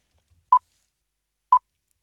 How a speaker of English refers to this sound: You would then hear 3 beeps. You answer on the 3rd beep.